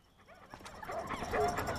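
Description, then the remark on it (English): A dog whimpers and yips in short, high bursts, growing a little louder toward the end, with a few sharper bark-like sounds mixed in, clear. “Taking the dog for a walk?”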